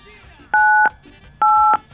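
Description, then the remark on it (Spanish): Two crisp telephone keypad tones sound one after another as a code is dialed on a phone, each a steady dual-pitched beep lasting about a third of a second, loud over a faint, murmuring background. “pues entonces ya sabes lo que hay que hacer, a teclear en el teléfono el código comadre, por favor, 985.”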